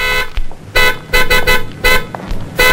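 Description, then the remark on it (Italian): A very sensitive car horn, pressed lightly with an elbow, honks several times in short, uneven bursts, loud, with brief gaps of quieter traffic-like noise between blasts. “Lei ha clacsonato.”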